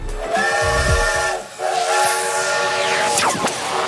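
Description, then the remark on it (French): A steam train whistle from the ici Pays d'Auvergne train running along the Andelot river sounds in a long, steady blast with layered harmonic tones, wrapped in loud hissing steam and chuffing low rumbles, dipping briefly before the whistle swells again. “Monsieur, bonjour, vous avez pris place à bord du train ici Pays d'Auvergne, je suis votre chef de bord.”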